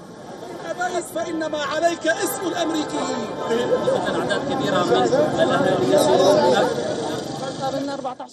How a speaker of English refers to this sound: And shortly after the verdict became public, the Syrians gathered outside of the Damascus Justice Palace to celebrate with chants, applause and national flags.